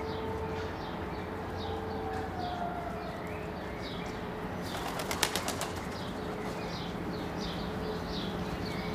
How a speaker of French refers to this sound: Mais aussi, une nichée de pigeons qui roucoule, perchée sur les barres de fer du pont. Et les piaillements aigus des étourneaux tout proches.